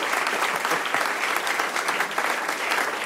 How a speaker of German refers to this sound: Und hat euch das gefallen, dass ich was vorgelesen habe? Falls ja, dann Applaus. Puh, Glück gehabt. Vielen Dank.